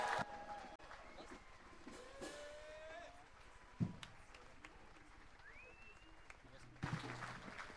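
An audience at the final stop of a city tour in a city park applauds the tour guide in a steady, dense wash of clapping that holds for several seconds, with scattered whistle-like tones and a couple of sharper bursts rising above it.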